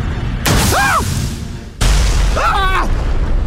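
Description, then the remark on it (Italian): Two loud dynamite-style blasts, each a sudden roaring burst that rumbles on for over a second, with voice-like wails rising and falling over the noise. “Colpo di dinamite, esplosione, sparo, cavallo, citofono, ancora esplosione, coltellata.”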